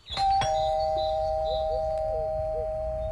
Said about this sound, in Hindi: अच्छा रुको, मैं घंटी बजाता हूँ।